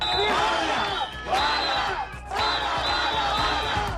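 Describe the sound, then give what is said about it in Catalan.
A large crowd at a protest shouts and chants together in loud, dense waves, with two brief dips between sustained surges of massed voices and sharp, percussive knocks mixed in. “Veurem si aquests crits es tornaran a repetir o no.”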